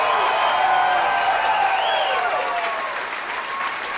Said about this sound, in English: Let's have a round of applause for... Give it up for Hawaii Man over here. Round of applause for him.